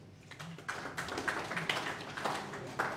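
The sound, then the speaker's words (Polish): A crowd applauds steadily for about three seconds for Siemiatycze County (powiat siemiatycki) during a commemorative photo at a grant presentation, a dense patter of many hands clapping at a moderate, even level with faint murmuring underneath. “Pamiątkowe zdjęcie, powiat siemiatycki i brawa.”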